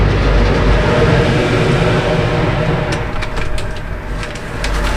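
A connecting car ferry carrying two cars pulls away from the dock at Ruusulaksi in a light wind, with a loud, steady low engine rumble and churning drone, while faint scattered high clicks or chirps appear in the second half.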